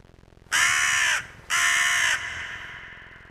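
A crow gives two loud, harsh caws, each lasting under a second with a short pause between them, followed by quiet background noise.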